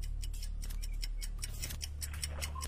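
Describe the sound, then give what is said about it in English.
A quiz countdown clock on the quiz Clash of the Provinces ticks steadily in a fast, even rhythm of sharp clicks over a low background hum, with no one speaking, as a contestant runs out of time on a question about the BRICS summit. “Rodney, you were out of time there. Did you hear out the clock?”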